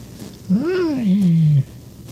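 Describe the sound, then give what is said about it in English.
A person's voice imitates a cat's meow: one drawn-out call that rises and then slowly falls in pitch, lasting about a second over a quiet background. “Oh, it's like I'm a cat.”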